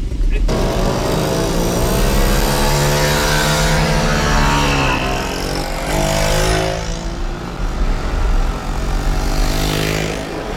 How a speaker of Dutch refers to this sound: Dus de langzame brommers blijven mooi voorin rijden. We hebben geen haast en we willen graag een veilige rit met z'n allen doen.